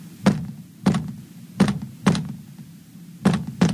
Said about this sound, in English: I better knock back.